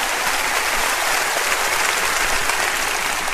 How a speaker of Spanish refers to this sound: Quiero escuchar un fuerte aplauso. Oh, a ti, Señor, esta tarde. A ti, Señor, la gloria.